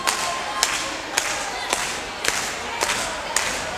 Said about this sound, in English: to get this next tune started, we need a little bit of hand clapping out there. Come on, we can do better than that. Let's see some hands up.